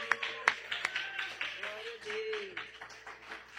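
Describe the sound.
An audience at a worship service gives scattered, uneven hand claps, a few sharp slaps standing out early on, while voices murmur and call out underneath.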